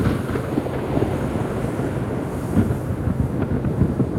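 A continuous deep rumble of thunder from lightning rolls on for several seconds, dense and low-pitched, with faint crackling bursts scattered through it and no voices.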